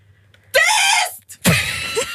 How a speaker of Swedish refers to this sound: så här lät det när … skrek